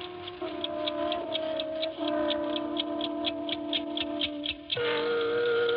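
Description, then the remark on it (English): An 8-day clock ticks in a quick, steady rhythm, about twenty even ticks, clear, over a continuous low tonal hum that shifts pitch a few times. “I had been away for 3 weeks, and my 8-day clock was running.”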